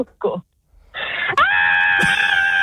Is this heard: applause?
no